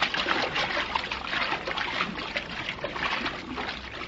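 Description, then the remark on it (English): Continuous, steady watery splashing and sloshing of someone swimming away from an island in darkness with repeated strokes, taking a rubber boat along. No voices. “Swim away from this island and take that rubber boat with you.”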